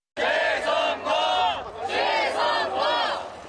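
A large crowd of protesters demanding a re-election chants "re-election" in unison, shouting it again and again in a steady rhythm of loud, voice-heavy bursts, around people waiting to enter a K-POP festival at Olympic Park.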